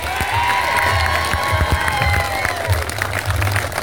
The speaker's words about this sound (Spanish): un fuerte aplauso para el senador Tony Soroca.